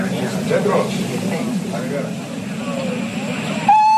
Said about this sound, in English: But let's get back into the train. It is due to leave very shortly.